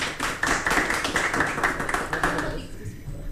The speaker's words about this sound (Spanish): Muchas gracias. Un aplauso para ella, un aplauso para ella.